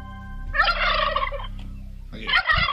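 Urban wild turkeys gobble loudly in two rapid, rattling bursts, the first lasting about a second, the second starting after a short pause, with a low hum underneath.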